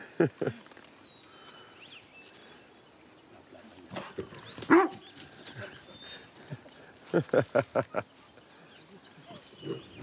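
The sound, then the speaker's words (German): A dog barks in short, sharp bursts: a couple of yaps at first, a few more midway, then a quick run of about five barks near the end, loud, during a demonstration with a tame young wild boar and its owner. “Da sagt der Hund, wo es lang geht, wa?”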